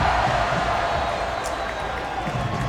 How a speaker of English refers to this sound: But now, it's Charlotte with a 2-goal buffer. And this crowd in full voice.